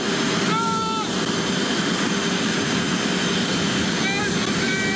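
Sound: aircraft engine running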